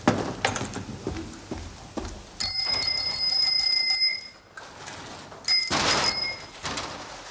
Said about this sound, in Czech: Já jsem vedoucí, já zkouším zvonky.